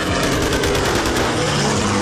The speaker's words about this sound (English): We heard machine gun firing, and two of us in one raft and the pilot in the second raft lashed together. And the bullets went, you know, between our legs and our armpits.